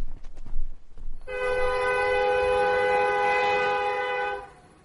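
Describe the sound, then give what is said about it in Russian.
Brief rumbling rail noise, then a loud train horn sounds one long, steady blast for about three seconds as the train pulls away from a station, its red lights disappearing into a grey band of fog. No voices. “Пожилой служащий дал свисток, и Роланд Зегер провожал взглядом отходящий поезд до тех пор, пока красные огни его не исчезли в серой полосе тумана.”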